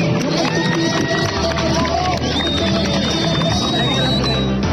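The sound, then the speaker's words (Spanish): A lively crowd of tourists on the beaches of Santa Marta applauds and cheers soldiers on patrol, clapping blending into a dense, steady roar with voices mixed in and a few high whistle-like tones rising above. “Cuando los turistas vieron a los soldados patrullando, salieron a aplaudirlos.”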